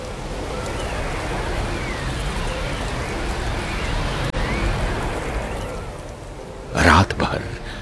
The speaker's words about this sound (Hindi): जॉनसी खिड़की की ओर टकटकी लगाए बैठी रही और इस दौरान बर्फबारी के साथ पतझड़ के मौसम की बारिश शुरू हो गई। साए साए आंधी चलने लगी।